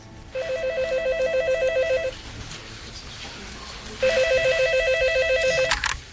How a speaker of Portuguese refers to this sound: Logo no dia seguinte, meu telefone tocou.